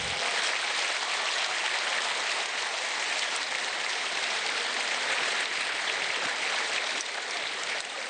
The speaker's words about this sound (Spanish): Fuerte, fuerte el aplauso para él.